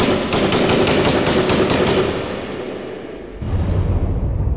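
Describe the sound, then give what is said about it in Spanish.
A rapid burst of fire from two machine guns, about ten sharp shots in quick succession, loud and crackling, fading into a rumbling decay before a second dull blast of noise. “Pero la última ráfaga se queda todo en silencio.”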